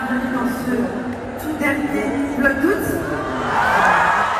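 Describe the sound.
A crowd of about 20,000 in a packed Accor Arena in Paris cheers and whoops continuously at the farewell to Léna Situation's YouTube series, a dense wash of shouting voices that swells louder toward the end, with scattered high cries rising above the roar.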